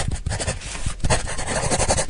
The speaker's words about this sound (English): there was this one scene where they zoomed out into the real world, and they were showing this little kid drawing on paper, and the sounds of it was so nice.